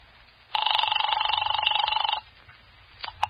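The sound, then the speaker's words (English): A telephone rings through the handset earpiece of a desk phone used to call police headquarters, one sustained burst of about a second and a half with a rapid trilling warble, followed by quiet line hiss and a couple of faint clicks. “I grabbed the phone on Ryan's desk, and I called Hellman.”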